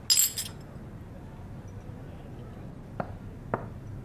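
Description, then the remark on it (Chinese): Glasses clink together in a toast in a quick, bright cluster right at the start, ringing briefly. Then comes a hush with low background murmur and two faint, light taps later on. “来，祝咱们工作室再立新功，干杯！”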